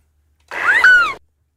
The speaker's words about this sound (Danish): Der kommer lige en fugl mere, og hvilken fugl er der tale om her? Det er en måge.